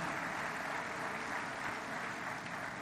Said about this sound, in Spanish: Aquí está el secretario de Educación Pública. Un aplauso a Mario Delgado Carrillo, amigo secretario.